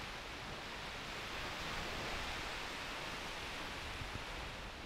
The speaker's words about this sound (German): Naja, hier am Kap Arkona am Gellort am nördlichsten Punkt, da weht der Wind noch, aber auch dem geht es hier so langsam an den Kragen sowie den Wellen auch.